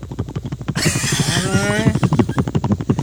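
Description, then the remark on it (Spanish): A voice imitates a helicopter with a steady, rapid chopping pulse, broken midway by a breathy, rising whoosh with a whinny-like tone, then back to the rhythmic chop. “Y el helicóptero es.”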